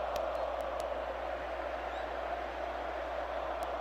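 A huge crowd at the Estadio Azteca chants and roars for Colombia during a football match against Uzbekistan, a dense, steady wall of voices with no pauses across the whole stretch and a few faint sharp clicks on top.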